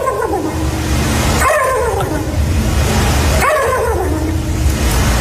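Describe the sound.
Two loud, warbling, high-pitched calls, a couple of seconds apart, as a contestant in a turkey-imitation competition, standing on a stage with a start number on their shirt, imitates a turkey's gobble, heard over a steady low rumble of background noise.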